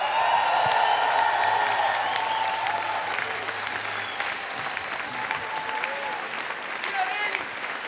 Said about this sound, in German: Burgersdorf, Riesenapplaus für …!